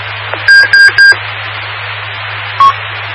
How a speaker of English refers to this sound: Sorry about that, the radio is here. It's got a timer on it, which is probably a good thing, but I forget about that, and it scared me a little bit.